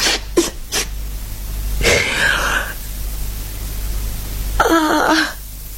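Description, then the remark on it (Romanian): Someone blows their nose twice, each blow a harsh, noisy rush of air lasting under a second, preceded by a few quick sniffs or clicks. No talking. “Dar îmi suflu nasul și gata.”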